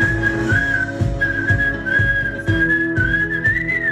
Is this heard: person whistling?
yes